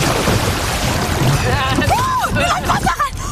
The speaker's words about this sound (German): Also so ein Kanu kann ja ziemlich wackelig sein und kann sich auch mal auf den Kopf drehen. Und wenn das passiert, kommt man mit der Kenta-Rolle schnell wieder nach oben.